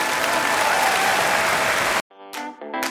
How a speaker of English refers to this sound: Give her an enormous applause.